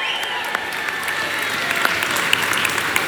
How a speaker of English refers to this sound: And I'm sure, oh yes, round of applause.